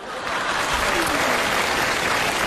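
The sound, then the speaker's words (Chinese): Steady audience applause after a performance sung to bamboo clappers, a dense wash of many hands clapping at even, fairly loud volume, with no clear voices standing out. “你不觉得这个掌声很勉强吗？”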